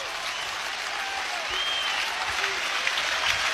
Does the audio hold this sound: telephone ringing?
no